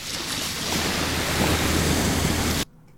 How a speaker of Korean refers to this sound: 아, 정말 이렇게 파도 소리만 계속 준비하면 어떻게 풀라는 겁니까? 자, 다 파도 소리가 날 것 같아요.